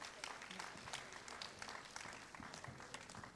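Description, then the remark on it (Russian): Steady applause from an audience at a live event of the radio programme «Артерия», greeting the programme's host as he appears; many hands clapping in a dense, continuous patter for several seconds at a moderate, even level. “А теперь сам, вот он материализовывается сам... под бурные аплодисменты.”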